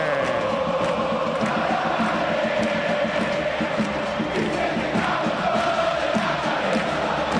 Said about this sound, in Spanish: Se vuelve loco el público de Platense.